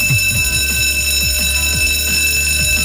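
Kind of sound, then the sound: signal or alarm, school bell ringing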